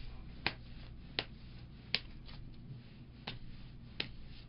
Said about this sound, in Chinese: 好，那我洗牌你喊停哦，好不好？